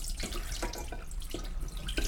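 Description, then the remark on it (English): Water sloshes and splashes as a hand swirls through pre-soaked rice in a bowl of water, with irregular watery bursts and a steady wet rustle, no voices. “And I'm going to do one more swirl just because it's very satisfying to do that. I do it with hand.”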